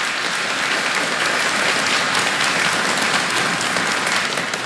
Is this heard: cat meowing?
no